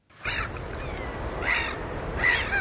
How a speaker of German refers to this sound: Möwen und Wellen, guter Stoff, sagt einer der Moderatoren im schwedischen Radio. Es ist mitten in der Nacht. Irgendwo an der Küste rauschen die Wellen, Möwen schreien im Wind.